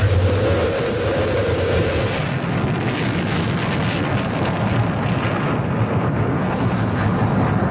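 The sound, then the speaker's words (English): Rocket main engines roar at launch, a loud, continuous rumbling blast dense with low-end power, steady from start to finish with no voices over it. “We've gone for main engine start. We have main engine.”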